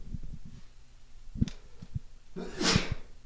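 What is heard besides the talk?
sneeze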